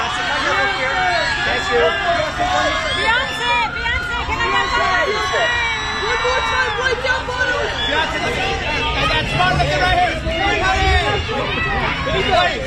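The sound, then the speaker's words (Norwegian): A dense crowd of many voices, journalists shouting and calling out questions over one another at the Met Gala red carpet, a loud, continuous clamour of overlapping cries that never lets up. “Jeg skal få høre lyden fra hvordan, hvordan det på en rød løper.”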